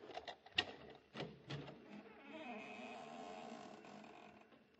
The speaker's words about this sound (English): Well, we've opened the front door now. Maybe you heard the hinge squeak a little.